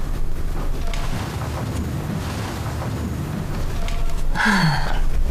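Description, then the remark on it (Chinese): A voice imitates loud snoring of someone who has fallen asleep in their clothes: a long, rough, rumbling drone that swells and ends in a sharp nasal snort, fairly loud with no other talk. “怎么这会儿打呼噜了？睡上了？”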